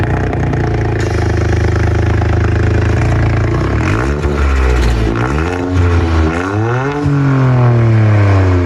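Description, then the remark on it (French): A loud modified Toyota Yaris GR4 car, a three-cylinder turbo model of 260 horsepower, arrives with its engine idling roughly, then revving up and down several times in sharp bursts, with a rasping exhaust note and no talking. “Bon, elle a aussi une autre particularité, c'est qu'on entend arriver cette Toyota Yaris GR4.”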